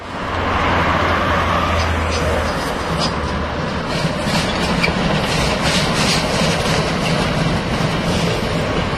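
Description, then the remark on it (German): A heavy class 95 steam locomotive stamps steadily past modern Havelländische Eisenbahn locomotives before the crossing with Bundesstraße 6, a dense, continuous roar of wheels and machinery with rhythmic surges and hissing, loud throughout the whole stretch. “Vor der Kreuzung zur Bundesstraße 6 stampft unser 95er vorbei an den modernen Lokomotiven der Havelländischen Eisenbahn, die sonst die Strecke befahren, vornehmlich für Transporte der Fels AG.”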